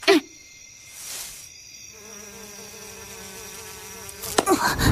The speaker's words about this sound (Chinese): 这里好多蚊子啊， 这边也是呢